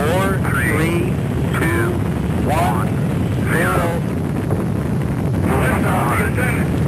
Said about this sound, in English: Also in 1981, the world witnessed the first launch of the Space Shuttle Columbia. We hear our main engine start.